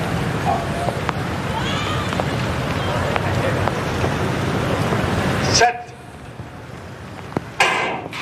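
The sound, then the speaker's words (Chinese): Steady rain hisses across an open athletics stadium before a hurdles race, leaving the track wet and slippery, for about five seconds, then the noise drops away abruptly to a quieter background, with muffled voices faintly present. “今天下雨，赛道会比较湿滑，对于很多选手来说呢，比起来都会有一些影响和干扰。”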